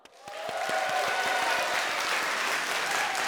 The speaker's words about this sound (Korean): 오늘 무대 함께 즐겨주신 여러분께 감사드리며 큰 박수로 예음 전통연희단 친구들을 격려해주세요. 아쉽게도 벌써 마지막 무대입니다. 재밌었죠? 재밌었으니까 한 번 더 박수!